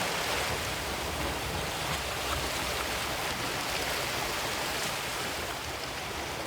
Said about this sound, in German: Im Hintergrund ein bisschen Meeresrauschen für die entspannte Stimmung.